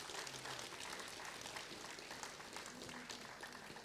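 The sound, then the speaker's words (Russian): An audience claps steadily for the technical department of Radio Ransis, a dense, even wash of many hands that holds at a constant level without swelling or fading, with faint voices murmuring underneath. “Давайте ему поаплодируем, пусть получит свою порцию аплодисментов.”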